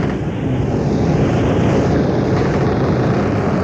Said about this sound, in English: the creak of the rigging, listen to the wind whip the sails.